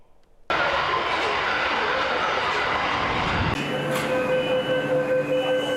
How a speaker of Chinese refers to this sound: 近日，在北京地铁一号线大望路站，一列崭新列车缓缓驶入站台。